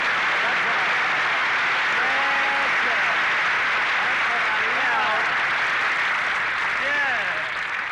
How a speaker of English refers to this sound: so shower me with that sun-kissed applause.